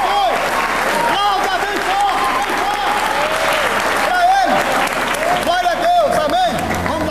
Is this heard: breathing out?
no